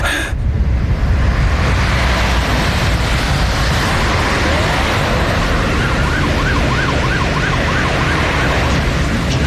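Sirens of several police cars wail over a loud, steady rumble of traffic, the rising and falling tones growing more distinct as the cars draw nearer and stop outside a small pharmacy.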